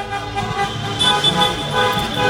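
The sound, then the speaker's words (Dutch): Many car horns honk at once in a dense, overlapping chorus, sustained tones layered over the steady rumble of idling vehicles, loud, from cars gridlocked in the city centre at the Stadhuisplein as people celebrate a Moroccan football victory, Moroccan flags waving from the car windows. “Allemaal auto's. Die toeteren dus en Marokkaanse vlaggen uit het raam wapperen.”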